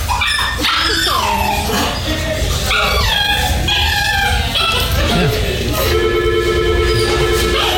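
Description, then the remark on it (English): A person imitates the whining of an elderly dog held like a baby by a man paying his bill, with repeated high, wavering whimpers that rise and fall. The imitation is loud, ending in a sustained nasal whine. “No, he was just whining and whining.”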